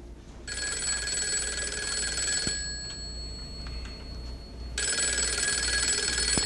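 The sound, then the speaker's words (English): An old-style telephone bell rings loudly on a Sunday evening in two long bursts separated by a short pause, its bright metallic jangle clear over a low background hum. “Sunday evening, the phone rang.”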